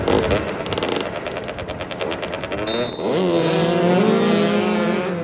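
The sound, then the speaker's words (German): Several motorcycle engines rev and roar, with rapid stuttering bursts early on, then rising and falling whines as the bikes accelerate and race around an asphalt football pitch in a motoball match, four riders per team chasing a ball. “Motoball heißt, 4 Spieler pro Mannschaft rasen auf Motorrädern über ein asphaltiertes Fußballfeld und versuchen, einen 40 cm großen, 1 kg schweren Ball im gegnerischen Tor unterzubringen.”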